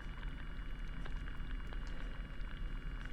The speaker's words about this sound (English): are listening to a hydrophone recording made at low tide. In a saltwater bed, and the sounds that you are hearing are mostly seaweed and sea urchins, according to the recordist.